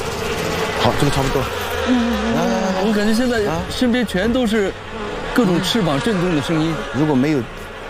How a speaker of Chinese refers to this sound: 哦，太危险了这个！我已经听到声音了。 你看，就是虎头蜂。 虎头蜂是世界十大毒蜂之一，整群虎头蜂可在短期内吞食上万只家养蜜蜂。